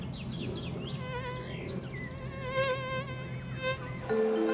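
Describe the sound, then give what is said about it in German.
High-pitched whining of several Ammersee mosquitoes during a one-hour test of who gets bitten most, the thin buzzing tones wavering and overlapping continuously as they fly around, with no voices present. “1 Stunde lang werden die 3 abwarten, wen die fiesen Ammerseemücken am öftesten stechen.”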